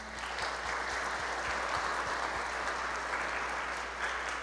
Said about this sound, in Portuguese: dar uma salva de palmas para ela.